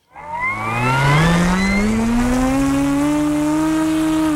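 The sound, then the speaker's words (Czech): A small model airplane engine buzzes loudly in flight. The plane is from a technical secondary school project in Vysoké Mýto that lets wheelchair users watch from its cockpit in real time through special goggles. A high, harmonic whine climbs in pitch during the first second or so, then holds a steady, continuous drone. No one speaks. “Vymysleli projekt, který lidem upoutaným třeba na invalidní vozík umožní ocitnout se v reálném čase v kokpitu malého modelu letadla a sledovat svět z výšky pomocí speciálních brýlí.”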